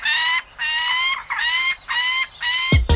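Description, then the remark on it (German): A peregrine falcon gives about five harsh, grating calls in a steady rhythm, each note strident and drawn out, loud with no voices. “Es ist der Wanderfalke.”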